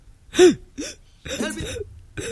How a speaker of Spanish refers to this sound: ¿Se despierta ahogado y jadeando?